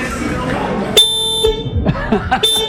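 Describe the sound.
An old Citroën 2CV car horn is pressed and honks twice, heard from in front of the bonnet: a loud, reedy half-second blast, then a second honk cut off at the end, with people talking before and between the honks.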